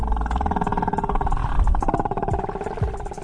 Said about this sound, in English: Alaskan ocean in perfect quiet, sit with my toes in the water and my eyes closed, and we would listen to the whales. And as she listened, the ocean transformed. The gulls and the motorboats faded, and the sounds that emerged felt almost otherworldly.